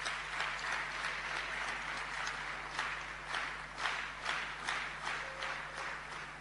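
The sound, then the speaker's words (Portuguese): A crowd applauds steadily for several seconds, a round of applause called for after provincial secretaries received vehicles from President Chapo, a dense wash of many hands clapping with no voices over it. “Também peço uma salva de palmas.”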